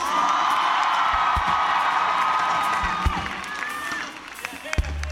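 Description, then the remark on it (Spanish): A crowd applauds and cheers loudly for a Fender electric bass player from Decatur, Alabama, with a steady wash of clapping, shouts and a few whistles that thins out toward the end. “Fuerte el aplauso para Mr.”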